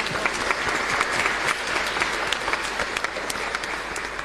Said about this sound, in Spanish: Un fuerte aplauso.